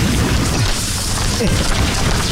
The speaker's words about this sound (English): A little windy out here.